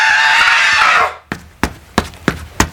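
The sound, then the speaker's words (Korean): A loud, sustained battle-cry shout lasts about a second and cuts off, followed by five quick, evenly spaced running footsteps charging forward in the dark. “란주는 기압을 넣고 소리를 지르며 앞으로 달려나갔다”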